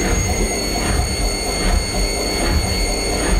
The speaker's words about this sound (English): I'll tell you what, though, it's a nightmare if you're working from home and you're on a Teams call and then the spin cycle starts going on your washing machine. That was our clue today.